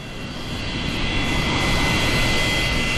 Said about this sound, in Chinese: 飞机即将起飞，请系好安全带。